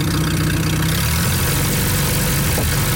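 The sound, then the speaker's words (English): An antique tractor engine idles steadily at the Threshermen's reunion in Austin, a loud low-pitched chugging rumble with a rough, even rhythm that holds throughout, with no voices. “Third-generation festival volunteer Glenn Beamish still rides the antique tractor you just heard.”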